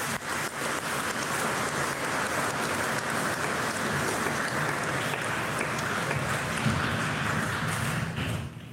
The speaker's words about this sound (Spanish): Que viva el divino Salvador del mundo. Un aplauso al Salvador del mundo.